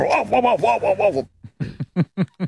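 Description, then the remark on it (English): A man's voice imitates his own dog barking during an interview: a quick run of about six yapping barks, a short pause, then five or six sharper, separate barks, loud. “And here is him imitating the sound of his own dog during the interview.”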